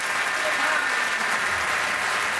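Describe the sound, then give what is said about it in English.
Sustained applause from a large concert crowd in Paris in 1990 for a band's performance, a dense, steady wash of clapping at an even loudness throughout with no pauses or individual voices standing out. “And the applause goes on and on and on in Paris in 1990 for that performance of”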